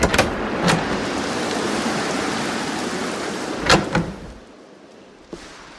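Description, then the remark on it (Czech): In the early evening, a miller bursts a door open with a few sharp bangs and thuds, set against a steady hiss of heavy rain that fades near the end. No one speaks. “A jenou takhle v podvečír rozrazil dveře mlynář Krapátko z horního mlejna.”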